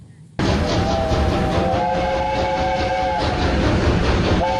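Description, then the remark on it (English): A British steam locomotive on the North Yorkshire Moors Railway, at the annual Steam Gala, roars with a loud, steady rush of noise, while a sustained whistle sounds through most of it, with no talking. “The four-day event concludes today, and it celebrates the power of Britain's steam trains.”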